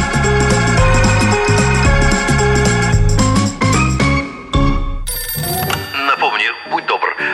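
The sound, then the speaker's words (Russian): A telephone bell rings in bright, metallic bursts over a busy rhythmic music bed for several seconds, then the music drops away and a voice speaks briefly. “Телефон.”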